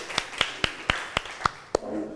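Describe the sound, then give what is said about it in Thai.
Seven sharp, evenly spaced claps in a steady rhythm, a class clapping in unison for the second student group, fairly quiet, ending in a faint murmur of voices. “ขอเสียงปรบมือให้เพื่อนกลุ่มที่2ด้วยค่ะ”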